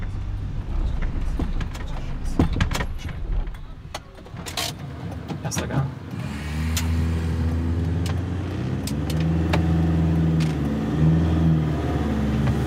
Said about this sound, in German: Bleib im ersten Gang, wenn er so jault.